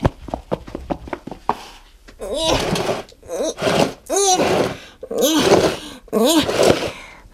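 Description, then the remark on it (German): A few sharp knocks and taps, then a series of loud scraping drags with squeaky, groaning tones as a heavy box full of toys is pushed along the floor through a door into a radio station, in repeated pushes. “Jetzt kann ich sie auch durch die Tür schieben und hier reinbringen.”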